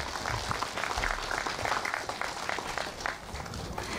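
Sustained applause from an audience at the groundbreaking ceremony for the Seonhakwon Foundation's elderly welfare facility, a dense, steady clatter of many hands clapping for about four seconds, fairly loud and even without pauses.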